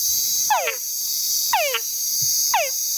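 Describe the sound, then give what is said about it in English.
Three descending whine calls from a male túngara frog, a tiny frog, repeat about once a second, each a sweeping downward cry with harmonic overtones, clear over a steady high-pitched insect chorus. “And the males of this frog make a sound that we call a whine.”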